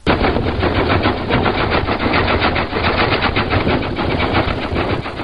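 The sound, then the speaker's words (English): The gasoline engine of a 1902 Oldsmobile running steadily, a loud, rapid, rattling stream of chugging pops that keeps an even pace for several seconds, with no voices. “That's a 1902 Oldsmobile you heard right there.”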